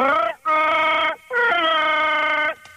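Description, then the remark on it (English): A male radio caller imitates the Wookiee growl of Chewbacca from Star Wars: three loud, drawn-out, warbling moans with a rough, howling tone, separated by brief pauses, the first rising in pitch, with no words spoken. “The cadence in the growl kind of sounded.”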